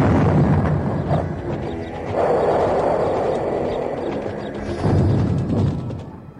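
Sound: cannon fire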